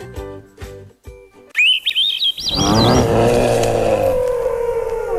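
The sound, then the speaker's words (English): Quick, high chirps and twittering calls of a flock of chickadees arriving at a newly filled bird feeder on a deck in the fall flit for a second or two, then get swallowed by a louder, dense rumbling wash of sound that carries on to the end. “A flock of tiny, sharp-eyed chickadees arrives,”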